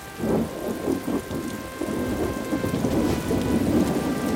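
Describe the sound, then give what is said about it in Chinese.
Heavy rain pours down steadily with a deep, rolling rumble of thunder building underneath, the downpour loud and continuous throughout with no voices. “下雨了，参谋，下了很大的雨啊。”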